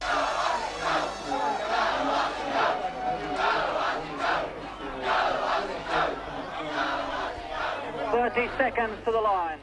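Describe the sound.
A large crowd, with Prime Minister Bob Hawke, cheers wildly at the Royal Perth Yacht Club in the early hours of September 26th as Australia II nears winning the America's Cup; one continuous, loud roar, many voices shouting and yelling over each other, individual cries standing out toward the end.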